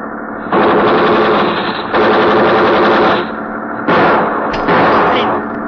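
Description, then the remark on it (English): Rapid automatic gunfire from a ship, fired in front of another vessel to slow it down, rattles out in four loud, sustained bursts, each a dense stutter of shots lasting about a second, separated by short pauses with a low rumble beneath. “We fire in front of him. That's slowing him down.”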